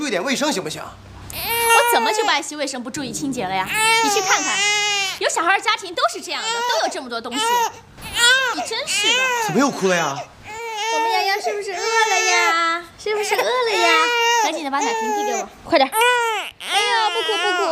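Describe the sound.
A baby wails loudly at home in long, rising and falling bursts, with brief gasping pauses between cries, continuing for the whole stretch while an adult voice murmurs faintly beneath.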